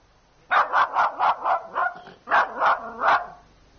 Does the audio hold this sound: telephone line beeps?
no